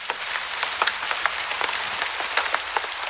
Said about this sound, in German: Diesen Klang kennen Sie sicher. Es ist die Musik, die der Regen macht, wenn er auf das Laub am Boden fällt.